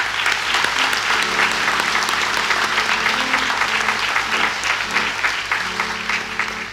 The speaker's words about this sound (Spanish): También muchísimas gracias. Y un aplauso para todos también, ¿ya?